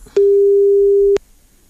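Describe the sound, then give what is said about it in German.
A single steady telephone ringback tone sounds for about a second as a radio presenter places a call to a listener, clear, with clicks at its start and end and no voices. “ich schau mal, ob ich jetzt jemanden ans Telefon bekomme.”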